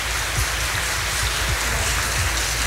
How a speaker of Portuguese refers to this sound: E nesta alegria nós queremos acolher a nossa querida comunidade de São Francisco de Assis, no Sucupira, e as irmãs missionárias de Fátima, são os responsáveis pela noite de hoje. Uma salva de palmas aos nossos noiteiros.